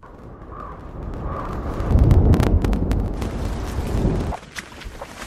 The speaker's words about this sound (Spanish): Al principio del clip vamos a oír un valle, se oirán truenos a lo lejos y se oirá una lluvia.